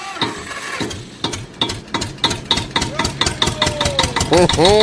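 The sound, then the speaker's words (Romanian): A tractor engine chugs steadily, its regular thumping pulses repeating several times a second, loud and even throughout, with a brief rising whine near the end. “Știți unde se duc fetele cu tractorul?”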